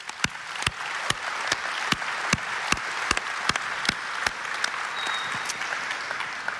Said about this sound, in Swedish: Man blir glad när man möter lokalpolitiker och lokala tjänstemän av er kaliber. En varm applåd!